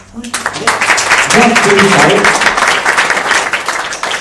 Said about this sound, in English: Remember one thing, when you're clapping hands, a lot of your points, acupressure points, they become active. So then whenever you get an opportunity to put your hand together, don't feel shy. Put your hand together for yourself once more, please.